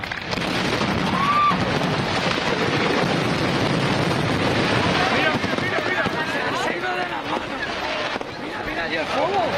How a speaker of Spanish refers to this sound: Una detonación descontroló el espectáculo, haciendo que los cohetes salieran en todas las direcciones y provocando incluso pequeños incendios de vegetación.